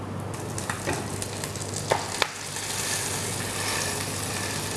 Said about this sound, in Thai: ในตำราของนักเรียนอาหารฝรั่งเขาจะบอกกันไว้ว่าการเอาปลาลงแล้วเนี่ยให้กดปลาไว้สักพักหนึ่งเพื่อที่ว่าหนังจะได้แนบสนิทไปกับตัวกระทะ